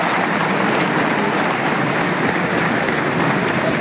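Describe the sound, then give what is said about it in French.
A large crowd at a bullfight applauds the picador steadily, a dense, continuous wash of clapping hands at an even, fairly loud level throughout, with no voices standing out. “Manolo de los Reyes, Mathieu Guillon, Piquero applaudi.”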